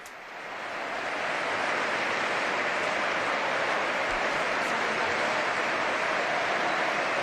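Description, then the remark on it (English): Sustained, lengthy, warm applause from a large crowd in Madrid welcoming the Pope, swelling in over the first second into a dense, even wash of clapping that holds steady and loud throughout, with no voices standing out. “And as he has been doing so in the past events, he is receiving a very, very lengthy and warm applause.”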